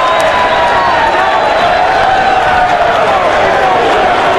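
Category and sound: crowd, baseball fans cheering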